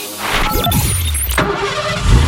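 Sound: car engine revving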